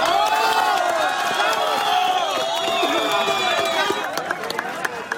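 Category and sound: crowd, crowd applause and cheering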